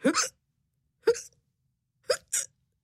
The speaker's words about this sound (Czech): Podíval se pod stůl, kde ležela jeho kočka a škytala.